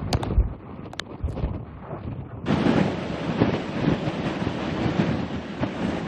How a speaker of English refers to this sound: These are the worst winds that we've gotten all night. It's like you'll have moments of a punch of wind, and then it'll stop, and then we get another punch of it.